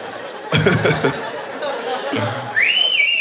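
A burst of laughter and chatter gives way to a loud, shrill human whistle near the end, sliding up and then down in pitch, bright.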